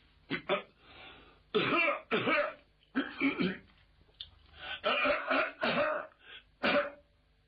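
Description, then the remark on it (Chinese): A storyteller's voice imitates a series of deliberate coughs and throat clearings, Zhao Hu standing outside the door coughing on purpose to signal Lord Bao; several short, forceful bursts in an uneven rhythm, fairly loud, with no other sound around them. “您听，这哪是正经咳嗽，这是有意的跟包的人打招呼。”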